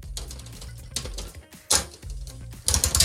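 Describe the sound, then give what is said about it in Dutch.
A coin-operated capsule dispenser is cranked after a coin is inserted, with a run of mechanical clicks and ratchety rattles, then a few louder clunks as a red and orange capsule drops. No one speaks. “Ja, nou, zal ik het muntje er maar in... Gooi hem er maar in.”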